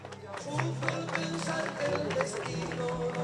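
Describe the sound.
A crowd applauds with steady, dense clapping that holds at an even level throughout, with murmuring voices mixed underneath.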